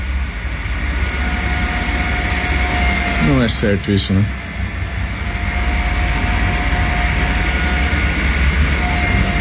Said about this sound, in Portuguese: Aqui no bairro Tabuleiro, desde as 6 da manhã, esse caminhão tá ligado ali, fazendo esse barulhinho.